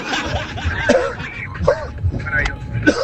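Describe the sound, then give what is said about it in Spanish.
A series of short, harsh coughing bursts repeats roughly three times, loud, with rough, raspy breathing and hacking between them. “A mí se me murió un gato con esa tos, compita.”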